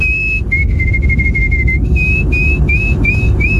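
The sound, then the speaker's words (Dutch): A person whistles a bright, high-pitched trilling tune imitating a canary, with a long warbling note followed by several short rising chirps over a steady low rumble. “Dat was een goede imitatie van een kanarie, hè?”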